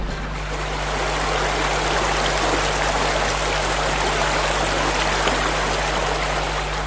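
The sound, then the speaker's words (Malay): A steady rush of flowing river water, continuous and fairly loud throughout, with a dense hiss of churning current and a faint low hum underneath, no voices present. “Lalu berhari-harilah mereka ni melewati arus sungai,”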